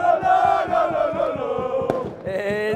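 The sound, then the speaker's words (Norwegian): A street crowd at Busgaden in Aarhus, Denmark, celebrating the Danish championship after a 2-0 win over Brøndby, many voices chanting and singing loudly together over a steady, thumping drumbeat, with one sharp crack cutting through partway and the cheering swelling again at the end. “Det kan jo selv prøve at vurdere ud fra den her lyd.”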